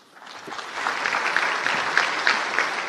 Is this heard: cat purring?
no